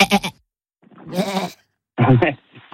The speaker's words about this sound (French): Une chèvre. Une chèvre, ok.